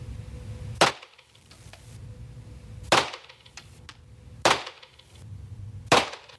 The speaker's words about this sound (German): Und apropos, wenn ich jetzt dann schieße, habe ich übrigens nicht so schnell geschossen, wie es sich anhört. Die Schüsse waren ein bisschen weiter auseinander.